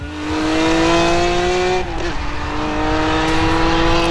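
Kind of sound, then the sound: vehicle, racing car engine revving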